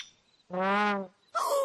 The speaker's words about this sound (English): Oh, so the sound wasn't coming from a dinosaur. It was coming from this bird.